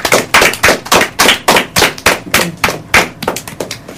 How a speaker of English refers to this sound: You all have done wonderfully, and I would like you to give yourself a round of applause.